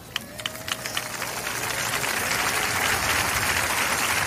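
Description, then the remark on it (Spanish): An audience applauding: a few scattered claps at first, quickly swelling into loud, dense, steady applause from many hands that holds to the end. “Cuando aplauda, diga: el aplauso es para ti, Jesucristo.”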